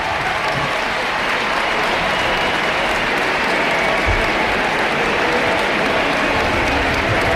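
A large stadium crowd at Ullevaal Stadion applauds and cheers in a sustained, dense ovation exchanged between footballer Alexia and the stands, the clapping steady and loud throughout with no talking over it.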